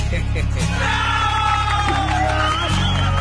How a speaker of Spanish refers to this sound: Esos aplausos, bueno, supuestamente son para mí, ¿no? Acá para su amigo …, ¿verdad?